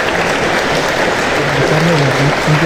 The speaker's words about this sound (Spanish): le recibimos con este fuerte aplauso.